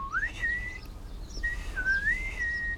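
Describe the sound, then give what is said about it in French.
Someone whistles two sliding, bird-like phrases in reply to a singing tit, a small blue bird with a yellow belly. Each phrase rises then holds a steady high note, with a short pause between them; clear, no talking. “Tout doux lui répond en sifflant.”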